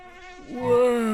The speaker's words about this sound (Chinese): 这么多蚊子，你怎么睡得着？ 蚊子叮不到我的。